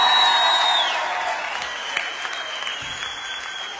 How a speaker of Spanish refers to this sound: Fuerte el aplauso para Oscar Rerondi.